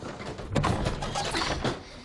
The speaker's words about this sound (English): The drawer is stuck. It needs to dry out. Sweetie, it's an antique. Yeah, well, that storm aged it another 50 years.